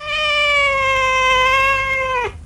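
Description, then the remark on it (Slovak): A person imitates a cat with one long, drawn-out meow, steady and close, holding the tone for about two seconds before it drops off abruptly at the end. “Okrem psej reči som si obľúbil aj kocúrčinu. Hovorím asi takto.”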